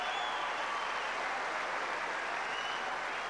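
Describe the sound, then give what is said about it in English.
A tennis crowd on the Number One Court applauds as Hewitt brings up break point against Jordan Lee at 30-40, 4-all, with dense, steady clapping that holds at an even, moderately loud level for the whole few seconds, with no voices over it. “Listen to the reaction of the number one court crowd as Cruz Hewitt brings up break point.”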